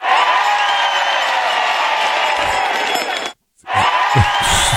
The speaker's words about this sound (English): Putting two crowd cheers does not count, all right?